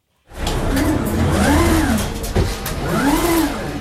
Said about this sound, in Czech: Jsme v hale velkoskladu a před námi jsou v hliníkové konstrukci ve vysokých až 6-metrových sloupcích vyskládané plastové bedny, takzvané biny. Nad nimi jezdí jako věž na šachovnici zhruba rychlostí běhu roboti.